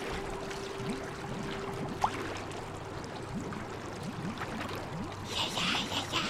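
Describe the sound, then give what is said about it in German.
Icy water pours and gurgles steadily through a leak in a boat's hull as someone presses a hand over the hole, with bubbly splashing throughout and a low hum underneath. A single sharp knock lands partway through, and a hiss of rushing water swells toward the end. “Oh nein, das Leck! Verdammt! Hastig presste Gaston seine Hand auf das Loch. Aber eisiges Wasser umspülte bereits seine Knöchel.”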